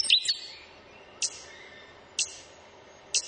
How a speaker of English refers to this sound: The hee-hee, the stitch bird.